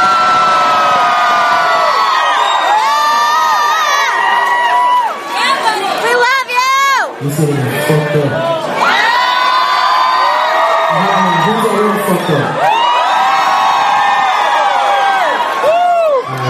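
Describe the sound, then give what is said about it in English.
A loud live crowd cheering, whooping and shouting continuously for several seconds, with many voices overlapping in a dense, energetic roar. “We got the best fucking crowd in the fucking city in here.”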